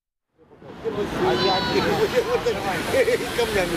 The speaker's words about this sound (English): Welcome to the beach in Odessa, the queen of Ukraine's resorts, the pearl, as it likes to call itself, of the Black Sea. It's a sunny summer Saturday and the shingles packed here, with people lying on beach mats, people queuing for ice creams